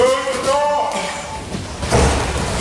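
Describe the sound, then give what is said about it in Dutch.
A heavy door bangs shut once with a dull, booming thud near the end, set against a murmur of voices and echo, as a door is traditionally slammed in the face of one of the king's staff during the King's Speech ceremony. “Ja, zo wordt straks traditioneel de deur dichtgeslagen in het gezicht van een van de medewerkers van de koning.”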